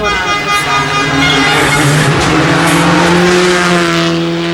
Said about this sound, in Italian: Questa era Luca Bertani con Stefano Oppimitti su Skoda Fabia Rally 2. È un pilota da tenere d'occhio